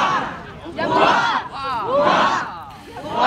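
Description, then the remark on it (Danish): A large crowd cheers and shouts in repeated rising waves, loud and sustained, with many voices overlapping in a festive roar that swells and dips, as the royal couple walks down onto the quay at Odense Harbour, Denmark, during a royal visit to Odense. “For en halv time siden gik kongeparret fra Borre og ned på kajen i Odense Havn til stor hyldest.”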